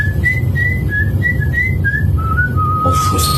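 A person whistles a melody in a clear, steady tone, the notes stepping up and down in a smooth tune over a low background rumble, with no talking.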